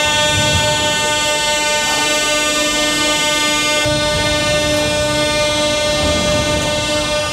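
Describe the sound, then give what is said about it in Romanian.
A metro train hums loudly and steadily through an underground station in Kyiv, Ukraine, where thousands of people shelter from night missile and drone attacks, its electric motor whine ringing over a dense, continuous rumble of wheels for the whole stretch, with no one speaking. “Mii de oameni s-au refugiat în stațiile de metrou.”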